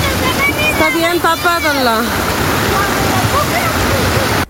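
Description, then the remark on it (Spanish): Loud, steady rushing of a flooded river pouring over a road in the lower Molleturo area, a continuous roar that fills the whole clip, with a man briefly speaking over it near the start. “Chicos, vengan a ayudar, se nos fue el río. Miren allá arriba la chorrera. Todo esto, el río sobre la carretera.”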